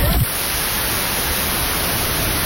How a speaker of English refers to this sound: My headphones are still on. Yeah, that's okay. I've got white noise going on in my ears right now. Yeah, okay. So just to paint the picture, this is all we're going to be able to hear in our headphones.